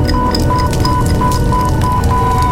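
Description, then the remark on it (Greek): A loud, steady roar of a fire burning with dense crackling texture, while a high electronic beep repeats rapidly and evenly throughout, like an alarm sounding over the blaze. “Από τη στιγμή που θα ξεκινήσει η φωτιά, πόσο χρόνο νομίζεις ότι έχεις?”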